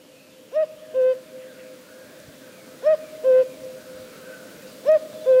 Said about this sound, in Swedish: Det är ju en gök. Ja, men i frågan, vilken gök är det?